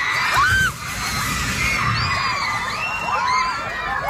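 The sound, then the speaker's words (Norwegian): A crowd of schoolchildren at a school in the southern Philippines shouting and screaming together during a magnitude 7.8 earthquake, with a teacher calling out for them to stay seated; the voices overlap in loud, frantic bursts with a dull rumble underneath. “Bli sittende, roper en lærer til elevene ved en skole på Filippinene.”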